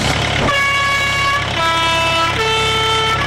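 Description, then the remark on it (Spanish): A microbus horn, on a bus converted into a missionary bus, honks in three sustained blasts that step down in pitch, loud, over a steady engine rumble with no voices. “Así que te pido que te apures y rapidito subámonos al microbús porque vamos a comenzar la entrevista.”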